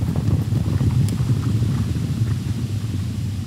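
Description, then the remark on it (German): Many horses' hooves thud and clatter in a dense, continuous rumble, like a herd moving together, with a soft wind-like hiss underneath and no voices, at the Lewitz stud farm in Mecklenburg-Vorpommern, Germany's largest horse breeding farm, where about 4000 horses live mostly outdoors in small herds. “Circa 4000 Pferde leben hier überwiegend draußen, in kleinen Herden.”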